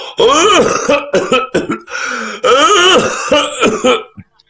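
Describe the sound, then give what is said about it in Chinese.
A man coughs and clears his throat several times in a row, loud, with rough, voiced, hacking bursts lasting about four seconds before trailing off, as he walks out of a residence after someone calls at the door. “刚喊了一声，就听见脚步声音，有人咳嗽着走出来。”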